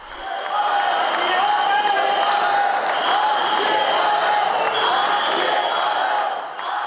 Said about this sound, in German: Dieses Mal wurde der Gedenkakt zu einer Demonstrationsveranstaltung. Während einige der Zuschauer Staatspräsident Petr Pavel auspfiffen, skandierte eine große Menge seinen Namen.